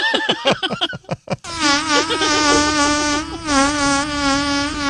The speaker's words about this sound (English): Did that fart not sound like a bunch of flies? Yeah, it did. Yeah, they did sound like flies around it.